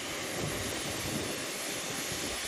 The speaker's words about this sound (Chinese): 飞机发动机一旦转动，噪声可以达到130分贝甚至更高，通常人在85分贝以上就会感到不舒服。不光如此，在巨大发动机产生的气浪面前，人很难保持纹丝不动。